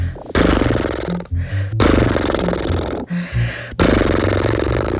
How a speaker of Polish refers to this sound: Teraz przyszedł czas na parskanie.